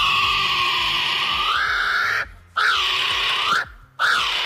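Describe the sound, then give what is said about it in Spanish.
Loud, harsh bird calls: one long sustained screech that bends upward, then two shorter rising-and-falling cries, each separated by a brief silence. No one speaks. “¡Los dos son pájaros!”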